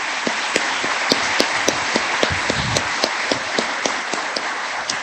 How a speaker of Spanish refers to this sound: vamos a regalarles a ellos un fuerte aplauso.